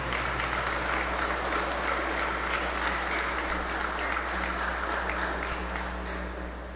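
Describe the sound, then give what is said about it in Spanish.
A crowd applauds steadily for several seconds to congratulate the Encuentros Conyugales movement on its 35th anniversary, a dense wash of clapping that holds at an even level and tapers slightly at the end, with a low steady hum underneath. “Felicidades, regalémosles un fuerte aplauso.”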